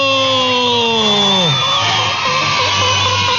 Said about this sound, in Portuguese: Palmas pra todo mundo!